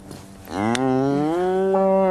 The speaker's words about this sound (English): It's all right, cow, relax.